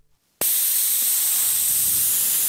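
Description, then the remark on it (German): After a brief quiet moment, a loud, steady hiss of air rushing out of two bicycle tyres, let out until both are flat, starts abruptly and continues without letting up. “Jetzt habe ich zwar zwei platte Reifen, aber ich habe ein tolles Zischen aufgenommen.”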